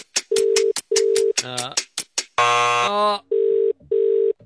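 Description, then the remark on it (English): A phone ringback tone rings out in steady double pulses, sounding twice with a brief burst of buzzy, harmonic noise in between, the call going unanswered. A radio host is calling a contest listener in Oakhurst, Western Sydney, who must answer within 10 seconds. “Let's give her a call. Lorraine, come on. Pick up the phone.”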